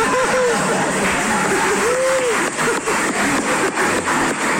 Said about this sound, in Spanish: ¿Están aplaudiendo en Pastuso? No puede ser. Es más lento.